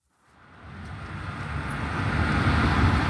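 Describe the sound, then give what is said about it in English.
Road traffic fades in from silence and builds into a steady, fairly soft wash of tyre and road noise from passing electric cars on a main road in Shenzhen, southern China, with no engine roar and no voices. “Standing beside the main road in Shenzhen, you almost forget you're in a city of some 20 million people.”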